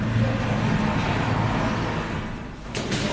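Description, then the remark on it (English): A drone flies overhead during an air raid at a port in Ukraine, its steady, low engine buzz droning continuously over a wash of background noise, with a brief clatter near the end. “Is that the drone, or is that a Ukrainian Air Force? That's the drone.”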